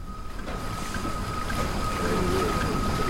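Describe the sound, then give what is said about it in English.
A crowded passenger boat bound for Goa, India, churns steadily across open ocean water, its engine droning under a constant wash of waves and wind. The rumble stays unbroken throughout, with no voices. “The next day we boarded a boat jammed with Indians bound for Goa.”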